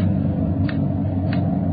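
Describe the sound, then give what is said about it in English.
Two crisp ticks of a loud clock, about two-thirds of a second apart, sit over a steady low rumbling background of wind. “Sure a loud clock.”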